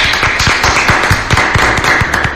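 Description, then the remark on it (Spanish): A crowd applauds steadily, many overlapping hand claps forming a loud, dense patter with sharper individual claps popping out now and then, sustained throughout with no one speaking. The applause is for Santiago Peralta, for promoting Ecuadorian cacao. “Un aplauso para él.”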